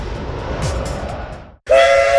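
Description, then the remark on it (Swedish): A heritage steam train on the Skara–Lundsbrunn railway in Sweden chugs and rumbles along, then after a brief pause a loud, sustained steam whistle blows with a bright, harmonic tone. “Skara Lundsbrunns järnvägar kör veterantåg under lördagar och söndagar i juli och augusti samt tisdag och torsdag kvällar i juli och halva augusti.”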